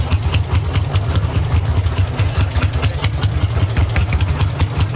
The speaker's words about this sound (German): Den Traktor muss man nämlich irgendwie andrehen